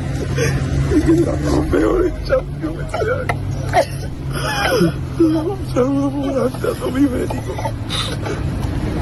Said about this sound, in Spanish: Roto absolutamente, …, con esas lágrimas y llorando, vamos, desconsoladamente el chaval.